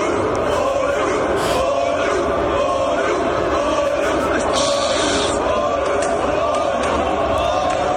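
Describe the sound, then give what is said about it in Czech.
A group of Norwegian fans, seated one behind another on an escalator in a shopping centre and rowing in sync as they ride up, chants a Viking war cry together, a dense, steady roar of many voices with a few sharper shouts rising above it. “video z obchodního centra, kde si skupina norských příznivců sedla za sebe na jezdící schody a během cesty nahoru synchronizovaně veslovala přesně do rytmu vikingského pokřiku.”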